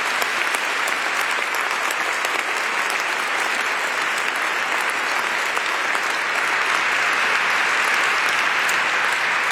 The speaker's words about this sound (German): Kurzer Applaus für euch. Danke, dass ihr da seid.